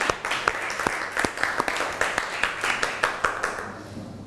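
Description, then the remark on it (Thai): A group of students applauds for a few seconds for the representative of student group 1, a dense patter of many hands with sharper individual claps standing out in an irregular rhythm, fading slightly at the end. No one speaks over it. “ถ้าพร้อมแล้วขอเสียงปรบมือให้ตัวแทนนักเรียนกลุ่มที่1หน่อยค่ะ”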